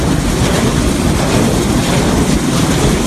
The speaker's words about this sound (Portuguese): E o son que xurde dos grandes muiños de vento xeradores de enerxía eléctrica.